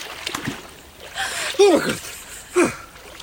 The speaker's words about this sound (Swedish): Jag blir jättesugen på baden när jag hör dig kvida där i vattnet